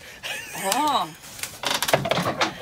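A garden shed door creaks open with a long, wavering squeal from the hinges, followed by a burst of rattling and clattering as it swings, fairly loud.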